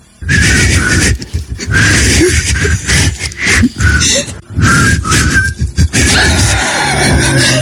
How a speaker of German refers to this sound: Es kommt gleich ein super 90er Song, aber der kann sich entweder so anhören, zum Beispiel wenn … und … pfeifen